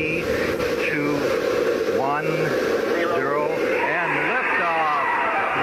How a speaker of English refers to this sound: We're go for main engine start. 7, 6, yeah, main engine start.